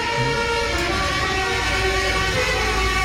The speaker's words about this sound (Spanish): bocinas alegóricas como esto que vamos a escuchar ahora, que como la cucaracha, por ejemplo. Ah, las bocinas.